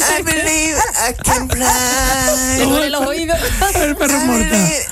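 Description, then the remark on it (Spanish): A dog whines and whimpers continuously in high, wavering tones, with a few short, sharper yelps breaking in, loud throughout. “El perro ya está vagando, ¿verdad?”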